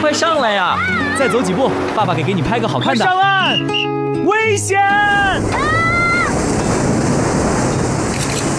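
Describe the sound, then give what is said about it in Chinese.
Ocean waves wash in as the tide rises, a steady, loud roar of surf that fills the second half, after several seconds of high, wavering voice-like calls and cries. “上岸，危险！潮水不等快门，更不等你。”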